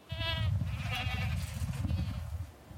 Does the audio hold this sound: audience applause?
no